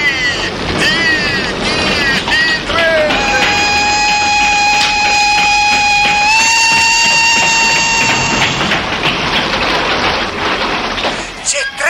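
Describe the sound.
A train rushes past with a loud, continuous rumble and a long, steady whistle blast that shifts pitch midway. Brief chirping or shouted voices come through near the start.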